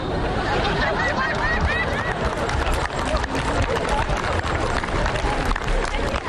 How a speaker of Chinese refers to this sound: 还鼓掌了，这掌废了，他舔脏了，你们还吃吗？